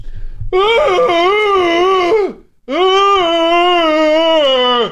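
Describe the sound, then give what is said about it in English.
A person imitates the loud, drawn-out wail of their fairly big pet dog in two sustained howls, each wavering slightly in pitch and dropping off at the end, with a short pause between them. “I'll have to try to recreate it myself.”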